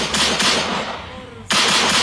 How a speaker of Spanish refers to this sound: Y se ganaron ustedes el disparo de la pistolita. Ahí está. Eso, se ganaron.